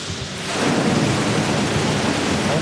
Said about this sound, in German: Es funktioniert. Aus 4 dicken Rohren strömt Wasser in die Tiefgarage. Hunderte Kubikmeter in wenigen Minuten. Was aussieht wie ein katastrophaler Rohrbruch, spart in Wirklichkeit Unmengen Wasser und Geld.